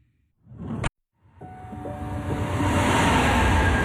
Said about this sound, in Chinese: 地铁穿梭城市喧嚣，人潮匆匆擦肩而过